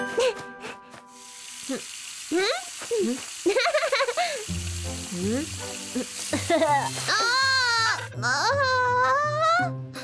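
A child cries loudly, sobbing in repeated, wavering bursts that rise and fall, over a steady sizzling hiss and low background tones.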